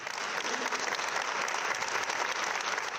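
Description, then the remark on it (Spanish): A steady, sustained round of applause from many people in the Asamblea de Madrid, called for by the opposition for Mari Carmen; dense clapping that holds at an even level for the full three seconds with no voices standing out. “Y en la Asamblea de Madrid, Ayuso tampoco se ha levantado cuando la oposición ha pedido un aplauso por Mari Carmen.”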